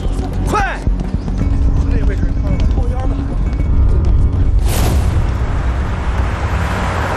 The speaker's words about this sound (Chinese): 是不是矿场炸了？ 好像不是，出大事了，快走，走，快点，快走， 肯定是爆炸了。